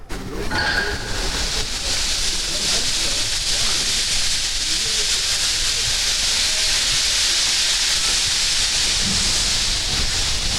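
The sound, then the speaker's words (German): A steam locomotive, rolling again, hisses steadily and loudly throughout, a continuous broad rush of steam with a low rumbling undertone and a few faint tonal squeals near the start. “Unsere Maschine rollt inzwischen wieder.”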